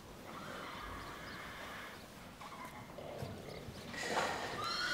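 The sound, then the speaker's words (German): A horse neighs and whinnies, a drawn-out call early on followed by a louder, shrill whinny near the end, with no one speaking. “Das heißt, dass es für diese beiden Pferde hier keine Heilung mehr gibt.”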